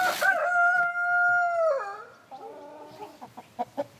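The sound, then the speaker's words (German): A German Salmon Faverolles rooster crows once, a long, strained harmonic call that holds steady then breaks downward, followed by a few short clucks and soft rhythmic farmyard sounds. “Auch Ronja Wunderlich und Sascha Hahn haben sich hier ein altes Haus gekauft und unterstützen die Arche-Idee. Sie züchten das deutsche Lachshuhn.”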